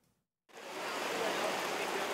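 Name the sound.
heavy rain downpour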